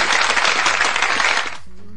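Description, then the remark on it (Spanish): A burst of dense, crackling applause from many hands, called for by a radio host for the station Radio Fusión Explosiva from the United States, fills about a second and a half, then cuts off abruptly, leaving a faint low hum. “Por favor, aplausos.”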